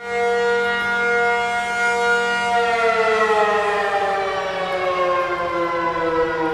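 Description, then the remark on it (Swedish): A civil defense all-clear siren sounds in a subway in Taiwan during the annual civil defense exercise, where many members of the public had taken shelter: one loud, steady, sustained tone, rich in harmonics, that holds its pitch and then sags slightly lower partway through, with no voices. “Ja, så här lät det när de blåste faran över i tunnelbanan häromdagen.”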